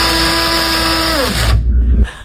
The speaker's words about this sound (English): That was a coffee grinder